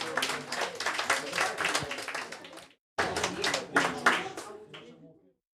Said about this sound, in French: Mais je voudrais que vous vous applaudissiez parce que rien ne serait possible sans vous. Merci à vous tous.